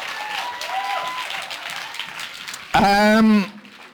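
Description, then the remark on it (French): A crowd applauds in a steady wash of clapping, then a single loud voice shouts briefly over it before the clapping trails off. “Ben, applaudissez-les, là.”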